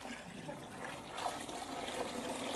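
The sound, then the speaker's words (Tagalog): Water pours in a steady, splashy stream for a couple of seconds into a chunky mixture to thin it, moderately loud, with no talking over it. “Kailangan ng tubig, kundi very chunky.”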